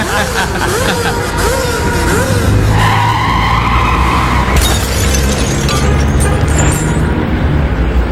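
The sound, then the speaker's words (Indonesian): A loud motorcycle engine revs hard and fast as the throttle is gunned, its pitch wavering up and down, followed by a sustained roar mixed with screeching, skidding noise that fills the whole stretch. “masa begini aja cara kamu bawa motor, Gi? Kamu nanya, mau aku gas nih, nih gas, gas, gas, gas”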